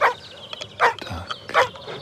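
A dog barks three times at a steady pace, each sharp bark separated by a short pause, with no one talking.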